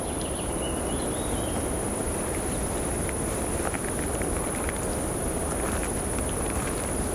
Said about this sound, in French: Le son aigu de l'insecte et quelques chants d'oiseaux diffus composent ce paysage.